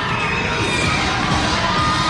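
A large baseball crowd at Delta Dental Stadium roars and cheers steadily, prompted to get loud during an at-bat, a loud, continuous wash of shouting voices with some high-pitched yells standing out, with no break for the whole stretch.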